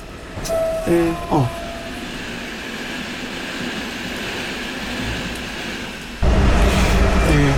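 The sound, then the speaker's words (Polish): A locomotive-hauled train rolls along at about 160 km/h with a steady, loud rumble and rushing noise. A few short tonal blasts sound near the start, and the roar swells louder toward the end. “a lokomotywę już sobie z powrotem uruchomiłem już na stacji”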